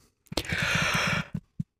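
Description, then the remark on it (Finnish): A single drawn-out yawn, a breathy, voiced exhale lasting about a second, followed by a couple of short soft breaths. “Älä tee tuota. Niin, haukotus tarttuu.”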